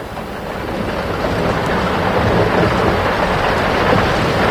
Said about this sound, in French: Le ciel s'obscurcit soudain. L'orage n'est pas loin. Allons vite nous mettre à l'abri. J'ai peur de l'orage. Il ne faut pas, mon enfant. L'orage est aussi une des voix de la nature.